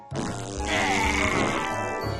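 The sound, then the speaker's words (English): A long, buzzy fart sound effect, a skunk's pink fart after eating pink berries in a children's story, that starts abruptly and holds a steady, raspy, fluttering drone for about two seconds, fairly loud and with no talking. “Wow, a pink fart.”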